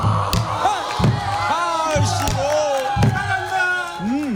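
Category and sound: crowd, audience applauding and cheering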